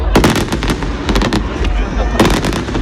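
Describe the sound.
A fireworks display over the Garonne in Toulouse explodes in a rapid series of sharp, loud bursts and crackles over a constant low rumble, with a dense cluster of blasts near the end and the crowd on the quays murmuring underneath.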